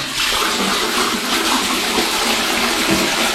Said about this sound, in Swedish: De flesta toaletter spolar i tonarten ES-dur.